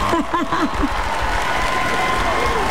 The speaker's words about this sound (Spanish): Primero aplauso antes del regaño.